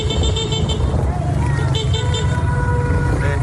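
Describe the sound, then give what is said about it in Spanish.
Steady roar of street traffic on an avenue in La Guaira after an earthquake, heard from inside a moving car, with engine rumble underneath and faint horn toots, continuous and fairly loud throughout. “Desde un coche graban una avenida en La Guaira, donde las torres de pisos están a punto de colapsar.”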